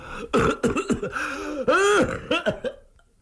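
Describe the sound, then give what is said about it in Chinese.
A man's voice acts out a long, strained coughing fit: a series of harsh hacking bursts with wheezy, gasping breaths between them, loud, then trailing off into quiet. “他咳嗽了半天，还喘半天，这虚汗就出来了。”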